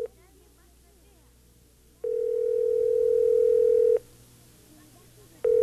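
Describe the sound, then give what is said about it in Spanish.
A telephone line tone sounds while a call goes through: a steady electronic beep about two seconds long, then a pause, then the next tone starting, over a quiet low hum. “Voy a llamarlo por teléfono.”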